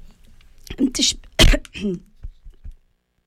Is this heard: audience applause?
no